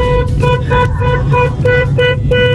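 A car horn honks loudly in a quick rhythmic series of short, bright blasts, about eight in all, over a steady low engine rumble.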